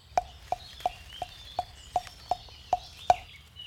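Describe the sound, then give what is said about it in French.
A great tit calls in a steady series of about nine short, sharp notes, evenly spaced, with fainter birdsong in the background. “Mésange charbonnière.”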